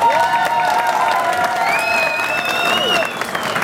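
A crowd applauds Skarsvåg, a small fishing village in Nordkapp municipality, with dense, steady clapping, mixed with some cheering voices and a high whistle-like tone, holding loud for about three seconds before easing off slightly.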